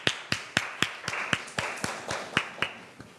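A group of students in a class claps in unison for a classmate about to present observation results, a steady run of about a dozen sharp, even claps at a brisk regular beat, with no voices over them.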